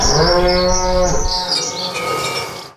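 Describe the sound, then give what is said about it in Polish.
A single long cow moo, loud and low with rich harmonic bands, holding steady for about a second before trailing off into a softer, rougher tail, with faint bird chirps in the background. “I ten dźwięk byście usłyszeli. I od razu wiedzielibyście, że to jedyny w swoim rodzaju serek z krówką.”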